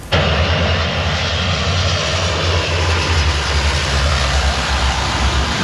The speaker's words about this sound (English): The Canadair planes are scooping water from the Seine River.